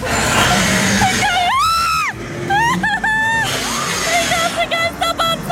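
A person shrieks in high, sustained bursts, rising and falling, over a busy wash of crowd noise and rumbling ride machinery on a ghost train ride at a funfair (Kirmes), with several shorter squeals following.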